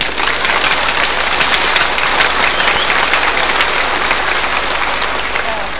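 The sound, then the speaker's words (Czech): An audience bursts into requested 'frenetic' applause, countless rapid claps merging into a loud, steady roar that holds for several seconds without pause. “Teď frenetický, zvaný freneťák, jo?”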